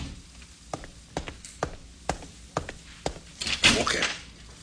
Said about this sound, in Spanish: Y en el momento en que se cerró la puerta...